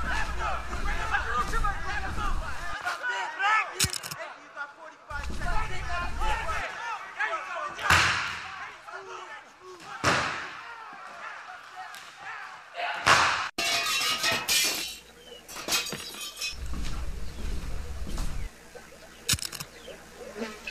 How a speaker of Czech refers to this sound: Tu motyl, motyl, motyl, za 73 jsme u restaurace, bojíme se dovnitř, nějaká strašná rvačka, je nás tady hrozně málo, žádám o posily.